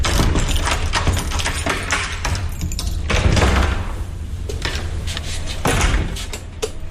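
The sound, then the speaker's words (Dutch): A steady low mechanical hum of a running lift in the catacombs of a natural history museum, broken by a few clunks and rattles of elevator doors sliding and knocking. No one speaks. “Dus we gaan de lift nemen?”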